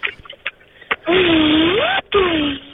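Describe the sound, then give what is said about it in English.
A voice makes a loud imitation of an import car from Japan revving, not souped up, a buzzy drone climbing in pitch, breaking off briefly, then dropping back for a second rev. A few soft clicks come before it. “Could you please give us that rev noise one more time?”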